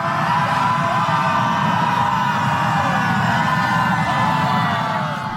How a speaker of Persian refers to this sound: سپس جمعیت در حالی که نسیمی از سوی اقیانوس میوزید و آفتاب میتابید کمی گلوی خود را هم برای آماده شدن گرم کردند و بعد همگی شروع کردند با هم به فریاد کشیدن.